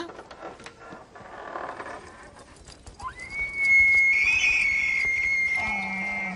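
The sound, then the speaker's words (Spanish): A moose gives one long, trumpet-like call that swoops up and then holds a steady high pitch for a few seconds, loud over faint rustling and background noise, with no talking. “Los sonidos que hace el alce semejan a una trompeta.”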